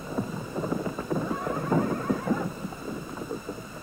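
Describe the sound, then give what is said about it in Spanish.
A horse being ridden whinnies while its hooves clip-clop steadily over the ground, a busy burst of hoofbeats and neighing lasting a few seconds with no one talking. “Montar a caballo.”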